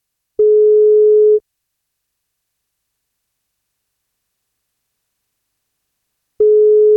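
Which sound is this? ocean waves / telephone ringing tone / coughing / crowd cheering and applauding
telephone ringing tone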